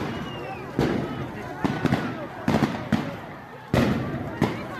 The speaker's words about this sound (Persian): این تصویر شلیک یک مامور به پای یک معترض از فاصله نزدیک است. در حاشیه میدان علیخانی ملکشهر در شمال اصفهان